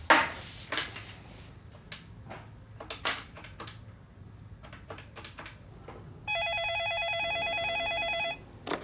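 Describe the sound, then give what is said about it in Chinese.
A landline telephone rings with a steady electronic trill lasting about two seconds, following a stretch of scattered clatters and knocks. No one speaks. “不行啊，这手机没信号啊。 打座机呀、啊。”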